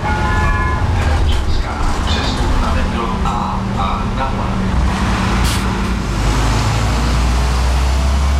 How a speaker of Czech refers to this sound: Desítky cestujících v Praze dnes ráno poprvé vyrazili do práce takzvaným tunelbusem. Spojnově propojuje pražské Čimice a Dejvice. Autobus linky číslo 145 projíždí tunelem Blanka a trasu mezi Prahou 6 a Prahou 8 ujede asi za 20 minut.